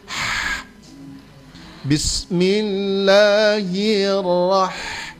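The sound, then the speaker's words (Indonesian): A short, airy 'ha' breathed out, almost pure exhaled air with only breath coming out. After a brief pause comes a catch of breath, then a long, steady voiced vowel drawn out for a few seconds. “Kalau ha maka yang keluar cuma nafas, cuma angin.”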